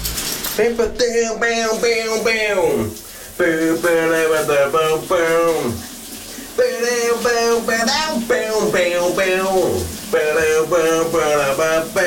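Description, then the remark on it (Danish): A steady hiss of shower water runs throughout, constant, beneath a man singing a summer hit under the shower as a wordless tune in long sustained phrases with a few brief pauses. “der synger min kollega … under bruseren i dag”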